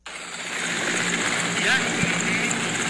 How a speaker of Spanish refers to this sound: gracias por la aportación del helicóptero, ya llegó, ya vamos a salir aquí en este momento. Está cayendo la aeronave ya en el arroyo